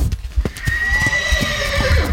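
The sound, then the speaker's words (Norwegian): A fjord horse, the national horse breed, neighs in a long, wavering whinny with bright harmonic tones that slide downward, while soft hoof clops and low rumbling thuds sound underneath. No one speaks. “En fjordhest, det er en av de mest fantastiske skapningene på vår jord, vil jeg tørre å påstå.”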